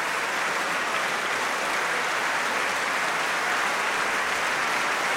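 Sustained applause from a large concert audience thanking a choir after a performance including Martin's Mass, a dense, even wash of clapping hands that holds steady without fading, with no voices standing out.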